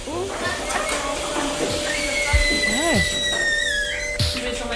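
Machines for milking cows on a farm start up with a steady mechanical drone and high, gliding whines that rise and fall, mixed with brief squeaks and clunks throughout.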